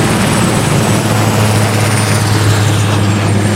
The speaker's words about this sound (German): So, jetzt kommt der Heli, macht eine steile Linkskurve und jetzt lässt er die 2000 Liter Wasser auf den Boden prasseln.